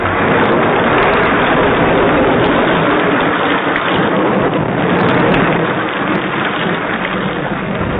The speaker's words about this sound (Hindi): दोस्तों, एक दिन बहुत तेज बारिश हुई।